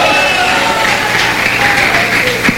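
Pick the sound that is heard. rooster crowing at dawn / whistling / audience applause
audience applause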